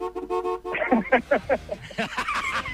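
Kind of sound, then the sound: vehicle, car horn honking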